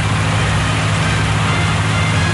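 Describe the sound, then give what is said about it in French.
A boat's engine drones loudly and steadily as the boat approaches a port, a deep, continuous rumble with a low hum that holds constant throughout, with no voices. “Vous entendez le bateau. Ils ne vont pas tarder à arriver au port.”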